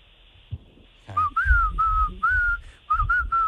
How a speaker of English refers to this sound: Ooh. Oh, this guy's good. He is good. Professional whistling right there.